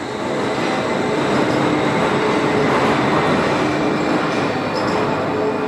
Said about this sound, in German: Und mittendrin schlängelt sich die Schwebebahn über die Wupper. Auf ihrem Stahlgerüst von 1901.